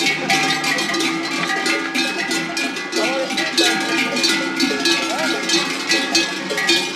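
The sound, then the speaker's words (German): A dense, continuous clanging of many cowbells at different pitches, ringing irregularly and overlapping as a herd of decorated cows and calves comes down from the mountain pasture to the valley, steady and fairly loud throughout. “Das Viech, die Kühe und die Kalmer werden für den besonderen Tag, an dem sie vom Berg ins Tal runterkommen, besonders geschmückt.”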